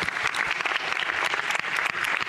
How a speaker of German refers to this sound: Aber bitte einen ganz warmen Applaus.